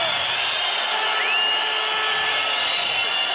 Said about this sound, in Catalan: Esbroncada del públic.